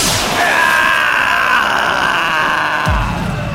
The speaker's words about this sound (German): Ein gezielter Schuss hatte ihn taumeln lassen und er stürzte über die Brüstung des Balkons auf den Burghof.